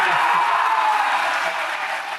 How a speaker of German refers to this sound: Der Jubel war groß gestern. Sieger ist München.